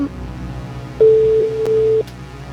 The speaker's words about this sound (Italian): Attenzione. Ed è già il primo squillo.